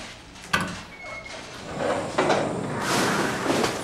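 A door is pulled shut with a sharp knock early on, followed by scraping and sliding noises as it settles closed, moderately loud.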